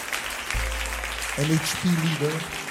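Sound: applause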